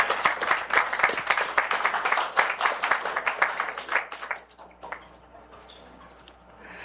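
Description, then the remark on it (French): An audience claps for Sandy Fédélon, presented as the radio station's new morning show host (9h to 10h), in a dense, steady burst of applause for about four seconds, then it thins out and fades to quiet scattered claps. “On applaudit Sandy Fédélon, mesdames, mesdemoiselles, messieurs.”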